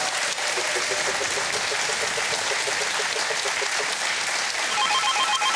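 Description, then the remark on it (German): A telephone rings with a repeating electronic trill, half buried under loud, steady applause-like crowd noise; a brighter tonal ring surfaces near the end. “Dann klingelt's.”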